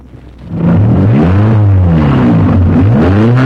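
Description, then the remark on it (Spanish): A car engine cranks and catches after a brief quiet moment, then revs loudly with rising and falling pitch, continuous. “Vamos a ver si enciende esta babosada.”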